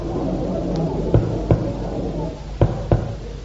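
knocking on a door

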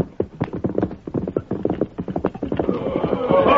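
horse hooves and whinny

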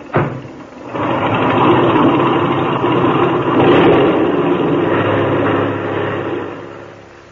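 airplane engine revving up

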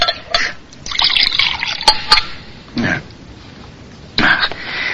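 water poured

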